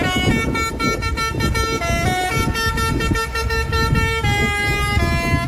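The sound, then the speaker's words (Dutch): A fire truck in Julianadorp, Netherlands, drives over a beach while its loud novelty horn blares a quick children's tune, its brassy notes stepping up and down in a steady melody over low engine rumble. “In april bleef de brandweerkazerne daar 4 dagen dicht, omdat de veiligheidsregio een grappig bedoelde toeter uit de brandweerauto had gehaald.”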